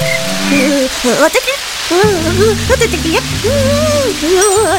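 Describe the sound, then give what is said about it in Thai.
Heavy rain falls at night, hissing steadily throughout, a dense, continuous wash of noise sitting beneath expressive voices talking over it. “คืนวันหนึ่งฝนตกหนักลิงกับคางคกได้หลบฝนอยู่ที่ใต้ต้นไม้”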